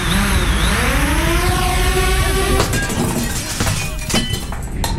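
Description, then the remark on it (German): A small drone's high motor whine rises and holds, then cuts off in a sudden loud smash as it crashes through a sports clubhouse window, followed by scattered tinkling glass shards settling for a couple of seconds. “Zählt Sportheimfenster auch?”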